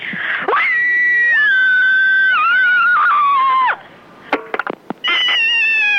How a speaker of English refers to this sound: There's nothing like a good scream to get your aggressions out, and I am particularly one of these people who needs to ventilate quite regularly. So here I go.